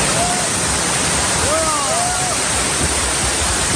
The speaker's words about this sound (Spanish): Así ha caído, por ejemplo, el agua sobre la acampada de la Puerta del Sol, que la gente que estaba allí acampada pues ha intentado cubrirse del temporal como buenamente ha podido